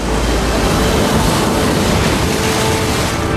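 Ocean waves rush onto a shore in a loud, steady, continuous roar of surf, with a windy hiss over it and no voices.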